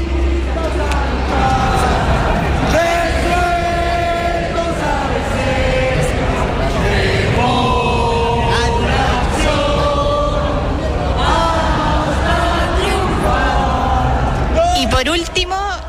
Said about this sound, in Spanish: Y desde aquí, desde el centro de Santiago, desde la Puerta de la Moneda, podemos escuchar cómo los militantes con sus banderas vuelven a cantar lo que es el himno de la colectividad.